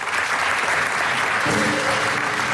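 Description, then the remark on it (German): Steady, dense applause from an audience for a finale, loud, with a few faint voices or cheers rising beneath it in the second half. “Und die kriegt einen großen Applaus für das Finale hier, was wir auf die Böen haben.”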